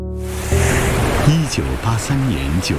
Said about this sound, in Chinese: 1983年9月5日上午8点，清甜的滦河水一路流淌，奔向234公里之外的天津。 这不是出水了。